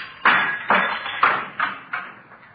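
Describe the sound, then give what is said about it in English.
A series of about six sharp knocks against window glass, struck with handcuffs to knock a hole in the top half of the window, at an uneven pace, each blow ringing briefly and the later ones fading a little softer, with no talking. “See if I can knock a hole in the top half of the window here.”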